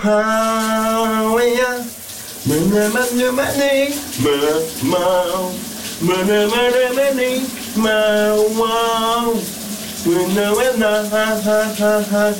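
A man sings a melody loudly and close by, phrase after phrase, over the steady hiss of a running shower that continues throughout.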